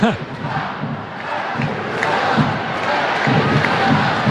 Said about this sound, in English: And the crowd commenting on referee Gerald Flores' socks, unless I heard that wrong.